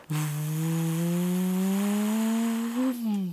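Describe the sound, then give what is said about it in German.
An airplane taking off from Salzburg airport, heard from the Untersberg mountain: a steady, buzzing turbine drone that climbs slowly in pitch over a few seconds, wrapped in a soft hiss, then wavers and dips at the end. “Das war ein startendes Flugzeug auf dem Flughafen von Salzburg.”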